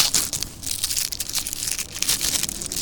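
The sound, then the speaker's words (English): Plastic wrapping on a pack of firecrackers being pulled open, a steady run of crisp, bright crinkles and crackles lasting the whole stretch, with no one speaking. “Let's unwrap some firecrackers.”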